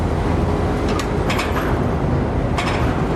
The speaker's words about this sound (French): Il y a des camions qui les amènent. J'en vois un qui fait l'angle du quai, qui transporte un conteneur vert. China Shipping.